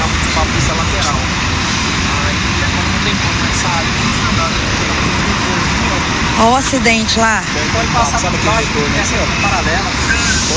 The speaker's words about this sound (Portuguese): Olha o tanto de gente. Helicóptero.